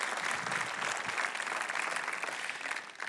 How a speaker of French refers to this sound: que ceux qui sont jeunes de tous les âges, pouvez-vous applaudir et encourager nos jeunes qui ont besoin de le savoir ce matin.